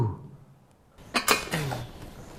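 A metal cooking pot clatters down onto a stove with a few sharp clanks and a brief metallic ring, following a quiet moment with no one talking.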